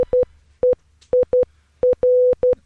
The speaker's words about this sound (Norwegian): Og nå velkommen i studio, mannen som heter dette på morse.